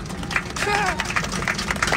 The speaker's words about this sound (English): That's a smattering of applause. The sound of them all punching each other in the face in the back.